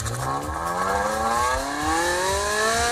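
A petrol Ferrari sports car engine revs hard and loud, its pitch climbing steadily as it accelerates, with a throaty rasp and no voices over it.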